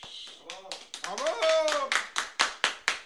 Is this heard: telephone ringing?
no